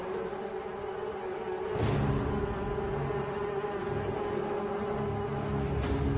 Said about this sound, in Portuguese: E quando Deus viu que o coração de Faraó continuava desobedecendo, Deus mandou em seguida mais uma praga, a quarta praga das moscas mutucas em enxames.